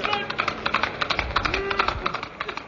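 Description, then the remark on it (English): The hooves of a white horse, Silver, clip-clop in a quick, steady rhythm of sharp clattering beats, fairly loud, with a faint tonal sound running underneath. “A white horse and a cry of hey-ho, Silver.”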